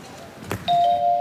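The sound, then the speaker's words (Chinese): A brief knock-like thump, then a doorbell chime rings out as a steady, bright tone with a higher overtone, sustained and fairly loud until the end, as the neighbor from across the hall in an apartment building calls at New Year bringing sugar-roasted chestnuts. No one speaks. “开门去。”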